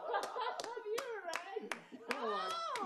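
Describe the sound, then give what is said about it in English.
A lone pair of hands claps slowly and steadily, about eight sharp claps spaced evenly, while a voice keeps murmuring or humming underneath. “A round of applause.”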